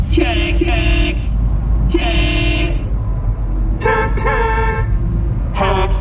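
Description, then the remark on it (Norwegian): Several car horns honk in overlapping bursts in a traffic jam, some long and sustained, over a steady low rumble of idling traffic, loud and insistent, with a brief lull midway. “Oi, her var det jo fullstendig kork.”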